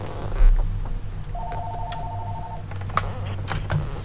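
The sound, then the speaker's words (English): A telephone rings once with an incoming call from a listener to a community radio station, a steady electronic tone lasting just over a second, set against a low background hum and a few faint clicks. No one speaks. “Here's a phone call right near the tip-top of the hour here.”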